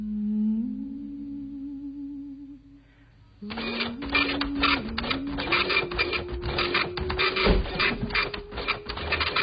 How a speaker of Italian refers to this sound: Aspetta che spengo la stampante.